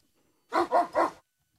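A dog barks three times in quick succession, loud, with silence before and after and no other sounds.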